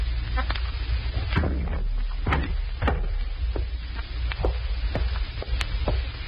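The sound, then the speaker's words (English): A heavy, thick, soundproof door is worked shut, with a series of sharp clunks and knocks spread over several seconds over a steady low rumble, moderately loud. “Heavy walls. Thick door. Soundproof.”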